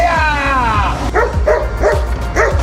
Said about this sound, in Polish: Do akcji wkroczyły policyjne psy. Taki był scenariusz ćwiczeń policji i służby ochrony kolei na łódzkim dworcu Łódź Kaliska. Psy szukały również materiałów wybuchowych i narkotyków.